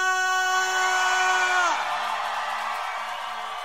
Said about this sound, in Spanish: pueden gritar con un grito de guerra.